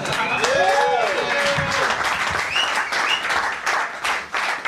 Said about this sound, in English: Round of applause.